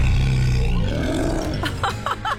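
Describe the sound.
A child dressed as a tiger cub growls out a playful, rough roar in a radio ad for the Louisville Zoo's Boo at the Zoo Halloween event, fairly loud, trailing off into a few short breathy huffs.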